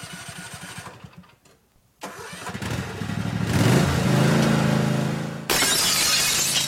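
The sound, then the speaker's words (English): A lawnmower engine sputters, pauses, then catches and revs up into a steady, loud drone, ending in a sudden bright crash of breaking automotive side-window glass. “Open Monday through Friday from 8 to 5, Richie's can fix your broken automotive side glass from those pesky lawnmowers, even rock chips.”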